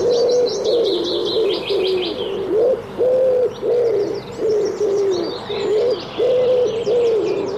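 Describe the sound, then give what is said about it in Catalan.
A common wood pigeon (Columba palumbus) coos in a steady, repeated rhythm of soft, throaty phrases, clear, while smaller birds chirp and twitter faintly in the background. “Tudom, Columba palumbus. Un dels ocells més identificables que viu tot l'any als boscos i camps.”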